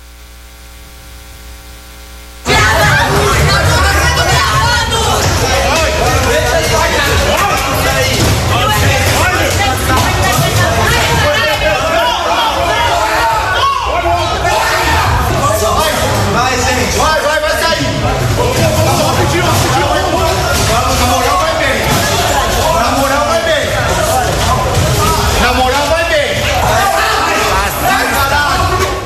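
After a brief quiet moment, a loud, chaotic commotion erupts: many people shouting and yelling over one another with harsh, noisy clatter, sustained without a break as students scramble and run leaving the USP rectorate while police agents strike them with batons.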